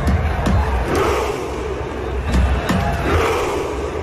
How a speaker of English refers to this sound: my other favourite is the Norwegians when they do their row chant